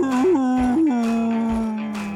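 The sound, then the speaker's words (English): A dog, Fleroy of radio station 95.9 The Big Dog, lets out one long, loud howl, its pitch wavering and rising briefly at the start before settling into a steady sustained note that fades slightly at the end. “95.9, The Big Dog. That's Fleroy, Big Dogs.”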